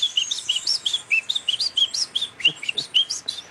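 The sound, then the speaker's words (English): A person whistles an imitation of the song of the Munchique wood wren, a bird of the highlands in Colombia: a quick, lively run of bright, high notes, about a dozen in a row, clear with no talking. “There is one here where we are that is called the Munchique wood wren that lives in the highlands.”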